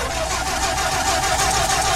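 The Money Mobile's engine cranks over and over without catching because its battery has run down, a loud, steady grinding whir with a faint rapid pulse running through it and no voices.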